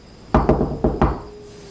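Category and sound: household object, knocking on a door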